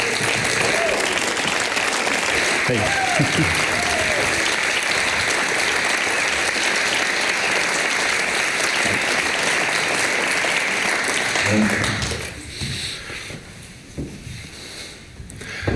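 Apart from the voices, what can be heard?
audience applause and cheering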